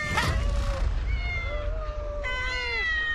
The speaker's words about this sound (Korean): 엥? 웬 야옹, 야옹?